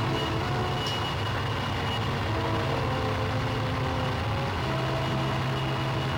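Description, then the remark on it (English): A train rumbles by at a steady, heavy pace, a continuous low mechanical roar with grinding overtones that holds at the same loudness throughout, with no voices. “Thought I'd never get used to the trains.”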